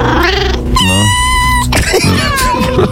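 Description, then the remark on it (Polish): A cat, Kotek Leszek, meows loudly on RMF radio while announcing lucky numbers, with a few drawn-out, wavering calls in quick succession and no talking over them. “I ogłosi je Kotek Leszek. Prosimy. Pierwszy numerek?”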